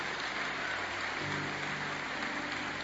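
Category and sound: crowd, audience applauding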